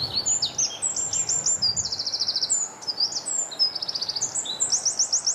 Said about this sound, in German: Zuerst der Zaunkönig, einer der kleinsten Vögel Europas, wiegt nur etwa 10 Gramm, sieht aus wie ein kleiner, brauner, gescheckerter Ball. Und Achtung, er hebt an.